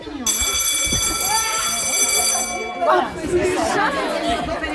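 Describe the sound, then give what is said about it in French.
A loud, shrill school bell rings steadily for a couple of seconds over a crowd of chattering voices during a visit to a high school, then cuts off while the hallway chatter carries on. “Donc là, il y a la sonnerie qui vient de sonner.”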